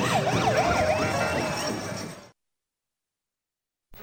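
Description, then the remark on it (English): Parade sirens signaling the approach of a balloon wail with a rapidly rising and falling pitch over a dense crowd-like rumble, loud and steady for about two seconds before cutting abruptly to silence. “And those sirens that you're hearing, they're making this parade. They're signaling the approach of the balloon.”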